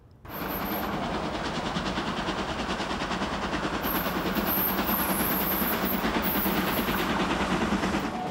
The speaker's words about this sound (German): Von der Insel geht es jetzt in die Schweiz und dort präsentieren wir Ihnen den Elefant. Das ist die größte Dampflokomotive der Eidgenossen.